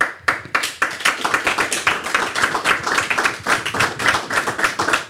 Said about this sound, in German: Da gibt es den Applaus und es ist ja hier wirklich auch eine besondere Ausgabe,